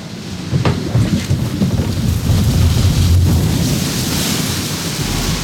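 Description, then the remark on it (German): A boat carrying a family on a water ride plunges 20 metres down into water: after a brief quiet start, a loud roaring rush of splashing water bursts in and stays steady and heavy to the end, with no voices. “Es geht aus 20 Metern runter ins Wasser, ab jetzt keinen Mucks, wenn's nass wird.”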